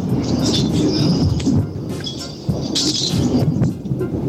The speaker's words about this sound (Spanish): aquí está con trueno, y cayó una granizada aparte, ¿ves?